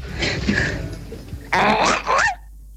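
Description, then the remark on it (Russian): A human voice imitates a seagull in a listener's submission: after a second of breathy, hissing noise come two loud, strained squawking cries with wavering pitch, the second ending in a short downward slide. “как чайка, видимо.”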